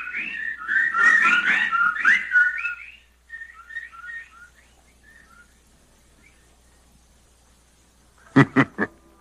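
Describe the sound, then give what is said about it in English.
A burst of bright, chattering bird calls and whistles fills the opening seconds, then thins to scattered softer chirps before three sharp, loud calls ring out at the end. “The birds, they didn't get him.”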